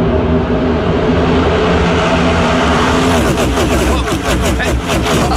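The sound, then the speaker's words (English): NASCAR race car engines roar loudly and continuously, dense, with a rapid series of pulsing surges near the end as the cars speed past one after another. “Those race cars out here? And they're fast.”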